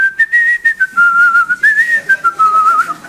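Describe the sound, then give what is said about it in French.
Someone whistles a wavering melody, the pitch gliding and stepping between notes for a few seconds with short breathy breaks, and no talking. “Tu sais à quoi on connaît les très très bons? Ils sifflent.”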